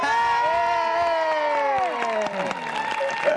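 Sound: audience applause and cheering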